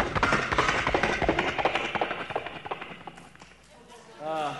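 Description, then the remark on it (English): A performer's voice imitates galloping horses with a fast, rhythmic run of clicking mouth beats, loud, tapering off before a brief sung or hummed tone at the end. “I do vocal sound effects, vocal interpretations, sounds from right in my vocal box right here itself. The sounds such as horses galloping.”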